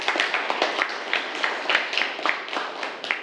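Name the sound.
classroom clapping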